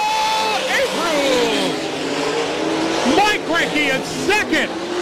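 Loud sprint race car engines roar and whine without a break, their pitch sweeping up and down as several cars race, with a faint voice mixed underneath.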